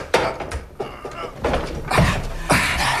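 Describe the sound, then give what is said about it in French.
A large, heavy door panel is shoved open, with several rough scraping and grinding bursts of movement over a few seconds, fairly loud and with no talking. “Et voilà l'autre porte. C'est un grand panneau. Pousse-le.”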